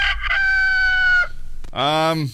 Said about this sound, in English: That's our emotional support rooster, Jess, of course, who usually interrupts us at least once during every program.